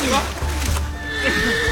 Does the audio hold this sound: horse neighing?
yes